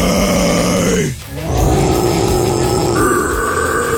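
A long, loud, low-pitched burp rumbles on for several seconds, breaking briefly near the start before continuing steadily with a raspy, droning tone. No one speaks.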